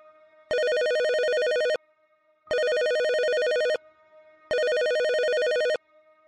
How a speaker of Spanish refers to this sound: A las 3:14 de la madrugada sonó el teléfono.